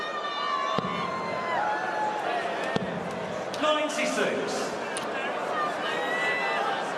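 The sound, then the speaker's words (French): A large indoor crowd at a darts match sings and chants together for a player in a loud, continuous swell of voices, with occasional sharp knocks cutting through the steady roar. “ça chante pour Michael Van Gerwen”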